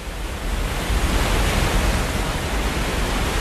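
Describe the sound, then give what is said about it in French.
A steady, powerful roar of rushing water pours out continuously, loud, with a dense hiss and deep rumble and no pauses or voices, as water at the Hidro-Itongo hydroelectric dam is released from a shaft back into the river after generating power. “Après ce puits, l'eau est donc de nouveau réinsérée dans la rivière.”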